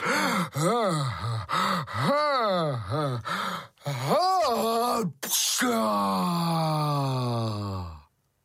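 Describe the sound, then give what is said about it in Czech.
A voice imitates the big sneeze of the story character Pučmeloud, who sneezes so hard he somersaults in the air: a series of rising, wavering gasps builds up, then a sudden sharp burst, followed by a long, sliding moan that fades out. “Pučmeloud kýchnul tak mocně, až udělal ve vzduchu kotrmelec a začal padat.”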